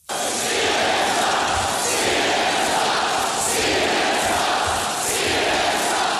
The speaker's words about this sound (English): At this rally in 2017, you can hear the crowds as they chant, CNN sucks.